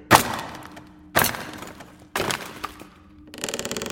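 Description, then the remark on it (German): Three sharp, heavy cracks of a hammer driving a chisel into a heavy wooden crate to break it open, spaced about a second apart, each with splintering wood, followed by a rattling, creaking pry as the lid gives. “Mal sehen, ob wir das schwere Ding nicht aufkriegen. Und? Hast du was? Ja, hier ist ein Hammer und ein Meißel.”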